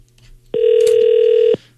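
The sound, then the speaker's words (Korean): A single steady telephone ringback tone sounds for about a second over a faint low hum, an outgoing call ringing on the line to a sister-in-law's phone, with no one talking. “네, 한번 전화를 해볼게요. 올케한테 그래도 전화 한번 해볼게요.”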